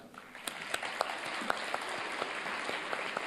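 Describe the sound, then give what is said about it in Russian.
Applause from a crowd of people clapping their hands in a hall during an evening concert, a steady dense patter with a few sharper, louder claps standing out, continuing throughout. “Видите, как он аплодирует?”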